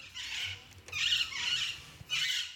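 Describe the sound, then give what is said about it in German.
Rose-ringed parakeets give a run of four harsh, shrill screeching bursts, loud and high-pitched, with brief gaps between them and no voices. “So klingen Halsbandsittiche.”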